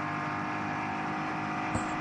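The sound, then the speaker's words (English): A Komoda racing car, a lap down, accelerates out of a slow zone, its engine droning steadily and loudly for the whole stretch, a dense, buzzing roar with one brief sharp knock near the end. No voices are heard. “Oh, just coming out of a slow zone.”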